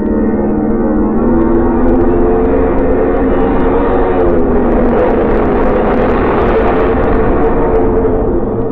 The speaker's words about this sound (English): The plane finally turns around in a half circle into the wind. The pilot guns the engines for a few seconds, and then the plane rushes down the runway towards you.